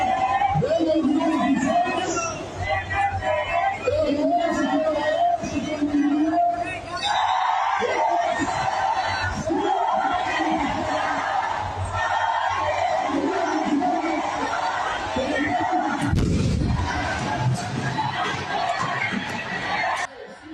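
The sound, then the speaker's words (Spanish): A loud crowd of protesting teachers and student teachers in Mexico, during Teachers' Day protests against the education reform where a cardboard replica of a police patrol car is set on fire, shouts and chants over a constant babble of voices, with bursts of raised yelling rising above the roar throughout. “En México, entre llamas y humo, maestros y normalistas prendieron fuego a una réplica de cartón de una patrulla durante las protestas del Día del Maestro.”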